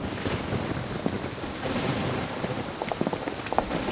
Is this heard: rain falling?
yes